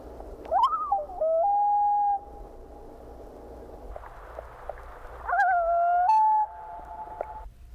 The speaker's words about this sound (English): The combination is often heard, for example, when a boat prevents a parent from reaching its chick. Here are two tremolo-wail combined calls.